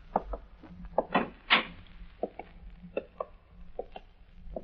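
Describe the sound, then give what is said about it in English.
An old wooden door, the one a janitor came out of, rattles and scrapes open, with a few irregular knocks and clunks and a louder rasping creak about a second in, then scattered softer taps. “This is that door the janitor come out of the other night.”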